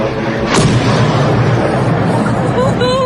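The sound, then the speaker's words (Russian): A single heavy explosion from a drone strike on the Orsk oil refinery in Orenburg region, Russia, booms out, one of a series of explosions, leaving a long, low rolling rumble that fills the rest of the moment, with faint voices in the background. “Еще взрыв.”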